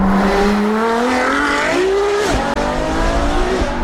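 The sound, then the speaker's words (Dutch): A Ferrari sports car engine revs loudly, its high, strained whine sweeping upward in pitch through repeated throttle pushes, a continuous roar with no talking. “En bij een Ferrari is het ook de vraag hoe die wagen gaat klinken.”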